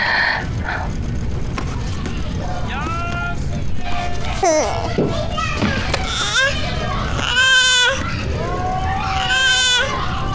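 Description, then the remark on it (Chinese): A newborn baby boy cries in repeated wavering, high-pitched wails with short breaths between, loud and insistent against a low rumble of background noise. “哎呦，这小猫头是刚出生啊？”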